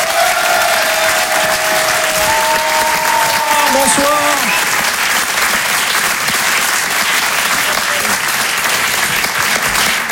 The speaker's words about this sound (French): Et en live ce soir sur la scène de Rire et Chanson Comedy Club, applaudissez-le s'il vous plaît,